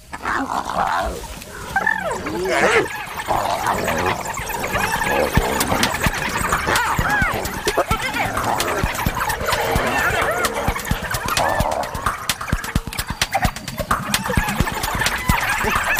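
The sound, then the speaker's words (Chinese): Four spotted hyenas squeal, whine and yelp loudly in a frantic, continuous scuffle, fighting among themselves after a newly arrived low-ranking hyena joins, their wavering high cries overlapping with rough snarls and scrabbling noises throughout. “刚刚来的那只斑鬣狗地位比较低，斑鬣狗自己打起来了。”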